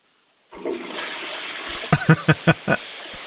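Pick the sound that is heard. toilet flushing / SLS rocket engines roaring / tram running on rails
toilet flushing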